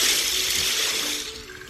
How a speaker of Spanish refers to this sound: Oye, hasta con viento, ¿verdad? Y como decimos, está lloviendo machín por allá, sobre todo... Este reporte viene por allá del lado de... Por allá como de la Cruz Roja, por allá...